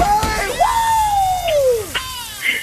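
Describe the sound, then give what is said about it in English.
A loud, excited scream: one long high-pitched voice that rises, holds for over a second, then slides downward, with short noisy yelps and clatter around it. “You don't have to scream as much as me.”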